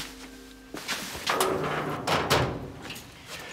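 A door is opened with a few dull clunks and a brief scraping slide against a faint low hum, with no voices.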